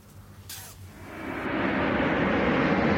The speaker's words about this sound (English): In the track, the roaring sound of the engine of a plane will mark the beginning of the song and will sound like this.